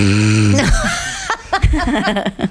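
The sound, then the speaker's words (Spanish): A voice imitates someone snoring after falling asleep at the cinema: a loud, low, buzzing drawn-out snore, then a few short breathy snorts and gurgling bursts. “Está roncando.”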